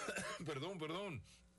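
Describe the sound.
A brief cough that drags into a hoarse, throaty voiced rasp, lasting about a second before trailing off into quiet background hum.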